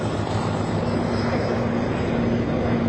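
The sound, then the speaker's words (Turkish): A steady, dense roar of aircraft engines and rotor noise fills the air continuously, loud as a formation of 21 military helicopters passes overhead together during the Efes 2026 military exercise over İzmir, Turkey, with no voices. “21 helikopter geliyor şu an ekranlarınıza.”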